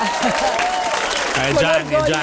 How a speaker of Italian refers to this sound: Mi faccio gli applausi da solo? Sì. Sì. Bravo!